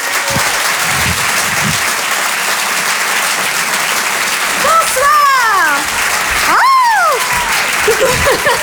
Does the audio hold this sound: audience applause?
yes